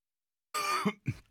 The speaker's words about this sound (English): I'm actually going to cough. Hang on.